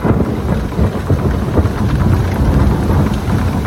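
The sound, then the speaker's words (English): Steady heavy rain pours down with a deep rumble of thunder rolling underneath during a night-time thunderstorm, a loud, dense storm wash that fills the whole few seconds with no voices. “those were the thunderstorms keeping people awake last night.”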